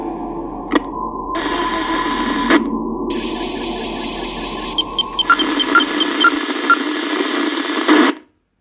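radio static

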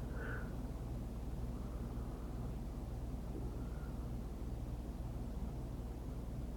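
airplane flying overhead

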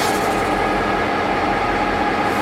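train running on rails

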